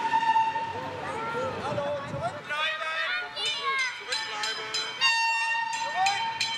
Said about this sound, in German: Nur zu besonderen Anlässen wie dem Tag der Verkehrsgeschichte bietet die historische Eisenbahn Frankfurt Ausflugsfahrten an. In der modernen Stadt ist der historische Zug ein ungewohnter Anblick. Die Frankfurter staunen genauso wie die Touristen.